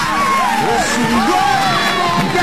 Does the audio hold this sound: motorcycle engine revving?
no